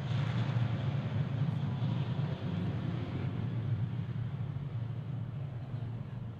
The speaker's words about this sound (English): Okay, as the plane heads off into the distance, hoping it's not landing in Sydney where they run into each other.